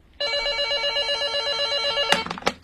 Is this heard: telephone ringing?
yes